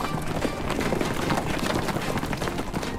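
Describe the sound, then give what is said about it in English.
Horses gallop at a fast, steady pace, ridden by couriers in the king's service, their hoofbeats pounding in a continuous, rumbling rhythm with dense, loud thuds and no voices. “Mordecai sent these letters out by couriers on fast horses used in the king's service.”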